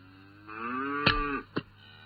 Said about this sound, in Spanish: las vacas llamando desde el corral